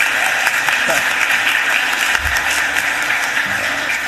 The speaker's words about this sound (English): Let's get this young man a round of applause, please.